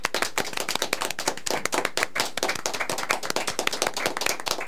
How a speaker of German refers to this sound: Und deshalb einen großen Applaus hier bei uns im Studio für Uschi.